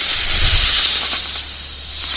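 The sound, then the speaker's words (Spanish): A snake hisses in one steady, breathy rush of air that lasts a couple of seconds, loud, with a faint low rumble at the start and no voices. “No es el silbido de una serpiente.”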